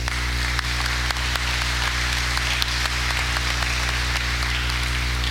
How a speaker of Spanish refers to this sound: Encomendamos al alma de Elías de Jesús Hernández Giraldo y oramos por Don Oscar Jiménez en su cumpleaños. Le damos un aplauso a Don Oscar.